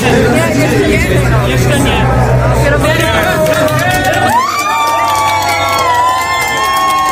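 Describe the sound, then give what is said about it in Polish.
The Inter Europol Competition racing team cheers and shouts excitedly in its pit box, celebrating a class victory, loud and continuous for several seconds, voices rising and overlapping above a steady low rumble. “Zajrzeliśmy przez chwilę do boksu Inter Europol Competition. Tak się cieszono ze zwycięstwa”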